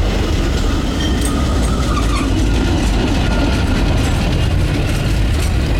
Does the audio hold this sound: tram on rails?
yes